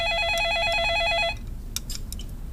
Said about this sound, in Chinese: 不接。 怎么不接呢？ 你这时候来电话还能有谁呀、啊？要不你妈、你弟、你妹，这能有什么好事儿、啊？